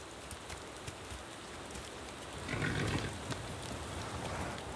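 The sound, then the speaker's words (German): Heavy rain falls steadily in the Pineda Jerez national park, home of Garrano horses, in a dense, continuous hiss, swelling a little louder partway through before settling back into an even downpour. No one speaks. “Der heftige Dauerregen macht selbst den widerstandsfähigen Garanos zu schaffen.”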